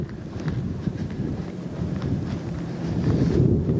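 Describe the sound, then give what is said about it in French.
Strong wind roars and buffets the microphone in a continuous low rumble, gusting louder toward the end, with faint scattered knocks in the background and no voices. The wind whips along the seafront promenade (digue) of Dunkirk, in front of the grand hotel and closed bistros. “Là, il y a un vent mauvais qui fouette en face du grand hôtel et des bistrots fermés de la digue de Dunkerque.”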